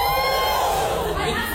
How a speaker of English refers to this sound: Again, no judgment if you use like ChatGPT or like an AI bot of any kind on a day-to-day basis. Give us a cheer.